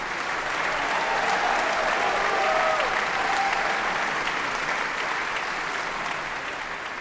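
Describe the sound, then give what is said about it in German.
Sustained applause from a large opera audience at the Konzerthaus Dortmund after the tragic ending of Donizetti's opera La Favorite, at the Klangvokal Musikfestival Dortmund: a dense wash of clapping that stays loud throughout before easing slightly at the end, with faint scattered voices or cheers in the mix. “Das tragische Ende einer hochdramatischen Oper und ein tief beeindrucktes Publikum.”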